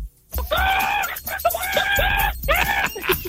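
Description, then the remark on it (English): A person on radio station Star 106.3 imitates a chicken to lead into traffic and ads, with a quick run of squawky, nasal clucks and rising cackles, loud into the microphone, several calls packed into a few seconds. “if you can do a chicken, take us to traffic and ads with some chicken.”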